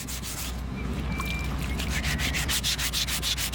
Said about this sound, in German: Nach dem Feilen hat eine Skulptur ihre finale Form.